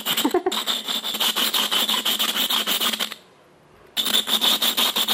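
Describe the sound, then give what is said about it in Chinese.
Rapid gritty rubbing strokes as a glass teapot lid is ground by hand against its seat after firing, a job of about 40 minutes, in a steady scraping rhythm that stops for under a second, then resumes just as briskly. No one speaks. “出来以后我刚刚还要打磨，还要磨这个盖子。我说这个玻盖子要磨个40分钟。”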